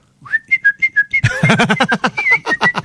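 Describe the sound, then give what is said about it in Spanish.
Someone whistles a tune in a quick series of short, bright notes; partway through, a louder, fuller buzzing tone joins in beneath the melody. “Ah, ¿cómo lo estaba silbando, …? Gran silbador usted.”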